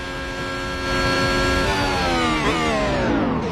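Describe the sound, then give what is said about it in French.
A racing car simulator engine revs up and accelerates on the Monza circuit, its harmonic whine climbing steadily in pitch over a few seconds as it reaches 100 km/h, loud with no talking. “Je peux démarrer ? Oui, allez, accélérer.”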